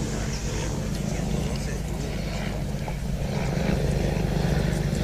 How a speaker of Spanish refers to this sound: Un helicóptero que, como oyen, sobrevuela ahora el cielo de la Maestranza.